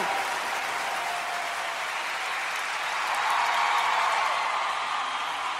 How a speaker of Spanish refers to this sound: Te amamos, María. Gloria a Dios, un aplauso a la Santísima Virgen.